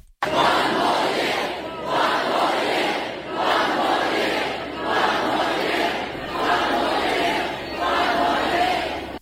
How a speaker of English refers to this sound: Thousands of fans have packed Brisbane's River Stage to celebrate with the team.